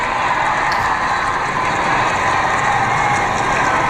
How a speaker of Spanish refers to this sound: El sonido del público vitoreando a León XIV, cuyo coche ya ha entrado en la Plaza de la Armería.